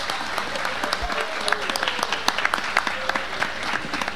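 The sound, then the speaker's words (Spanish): A crowd at a city event applauds the volunteers working at the kiosks for nonprofit organizations, many hands clapping in a dense, continuous patter with sharp individual claps popping out, sustained for several seconds at moderate loudness. “Así que para ellos todos, un fuerte, fuerte aplauso.”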